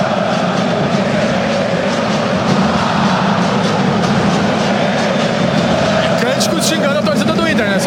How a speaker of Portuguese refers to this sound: Tá bom, tá bonito o som da galera aí.